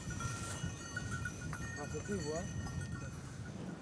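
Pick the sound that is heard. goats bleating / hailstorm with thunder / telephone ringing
goats bleating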